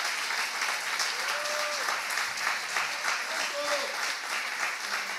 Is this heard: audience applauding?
yes